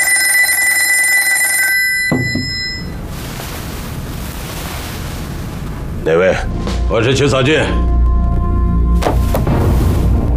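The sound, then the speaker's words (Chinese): A telephone rings with a steady, bright electronic tone for about two seconds, then cuts off, leaving a low rumbling background with short bursts of voices. “那图纸是假的，我也是刚得到消息，所以赶紧给你打电话。”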